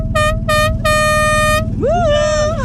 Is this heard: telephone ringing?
no